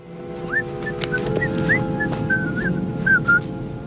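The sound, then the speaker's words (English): A person whistles the old folk tune Camptown Races in a quick string of short, bright notes, clear, over a steady low background rumble; in the film the character Richard whistles it on the beach. “So I came up with this theme that used the Camptown Races, which was being whistled throughout the piece.”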